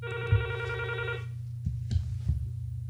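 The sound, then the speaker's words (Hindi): An incoming call to a radio phone-in show: a telephone rings once in a short warbling burst, then stops, leaving a steady low hum broken by a few soft bumps. No one speaks. “Hello, phone करे जी ही, कौन साहब बोल रहे हैं?”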